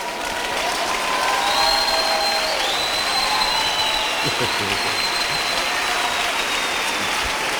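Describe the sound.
Sustained audience applause, a dense steady wash of clapping that stays loud throughout, with a few faint voices and whistle-like tones rising above the noise.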